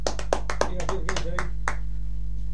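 A short burst of scattered applause, roughly eight or nine sharp claps in an uneven rhythm, fading out after under two seconds over a steady low hum, given for a host on the radio station Radio Huipala.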